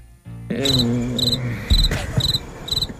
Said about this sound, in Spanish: Gracias por esos grillos. Perdón, nuestro técnico Ferreiro, que es que está viene del campo y ha traído unos cuantos aquí.